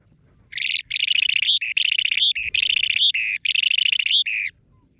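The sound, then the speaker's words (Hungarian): A small bird, rarely recorded in Hungary, sings a rapid series of high, buzzy, trilling phrases in several bursts with brief pauses, clear, with only a faint low background hum. “Nagyon aranyos egyébként a madárnak a kinézete, javaslom, hogy keressenek rá, és hogyha hallják, akkor nem tudom, jegyezzék föl, mert az lesz a 6.”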